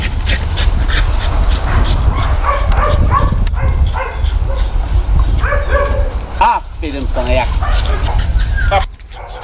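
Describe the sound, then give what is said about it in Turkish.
A search and rescue dog gives a series of short, sharp barks and yips over steady outdoor noise in Kuşadası, Aydın, Turkey, with a person talking and calling out encouragement ("İleri!"). “yıllardır yetiştirdiği arama köpekleriyle afet bölgelerinde hayat kurtarıyor.”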